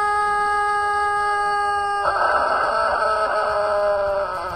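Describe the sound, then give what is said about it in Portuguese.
A rooster named Galo Papudo, belonging to seu Acilo Severo and donated to Rádio Jornal FM, crows on the Bom Dia 104 radio program in one long, drawn-out call that holds steady before turning rougher and raspier, lasting several seconds with no one talking. “Ô, produção, Galo Papudo tá por aí. Bom dia, Papudo. Esse é o galo do seu Acilo Severo, hein?”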